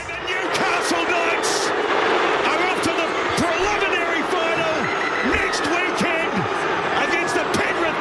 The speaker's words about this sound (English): Sounds like the crowd are taking it well.